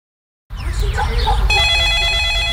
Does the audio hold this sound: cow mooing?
no